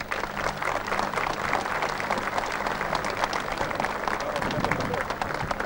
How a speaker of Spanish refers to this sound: Así que lo dejamos ahí, disfrutemos, aplaudamos mucho a las instituciones y que tengan un espectacular cumpleaños de nuestro distrito.